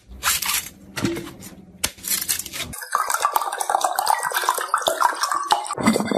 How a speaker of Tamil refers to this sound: இளநீர் 2 வச்சுக்கிறான், வெட்டுறான் குடினு. சரிப்பா, வெட்டுப்பா வெட்டுப்பா.